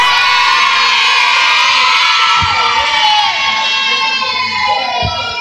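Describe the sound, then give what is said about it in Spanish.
A crowd of women in an audience shouts a war cry together in a loud, sustained high-pitched roar, with a couple of dull thumps underneath. “Vamos a ver, solo las mujeres. Un grito de guerra a las mujeres.”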